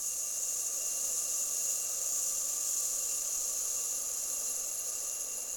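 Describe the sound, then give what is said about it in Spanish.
Sand trickles steadily through an hourglass, a continuous, bright, fine-grained hiss that holds an even level throughout with no pauses and no voices; a sound created by Sofía Scheps at the request of Música de Feria. “Sonido de reloj de arena creado por Sofía Scheps a pedido de música de feria.”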